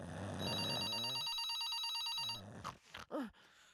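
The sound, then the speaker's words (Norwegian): A telephone rings with a bright, buzzy electronic trill lasting about two seconds, followed by a few quick clicks and rustles as the call is picked up. “Mamma, hvorfor ringer du meg så sykt tidlig?”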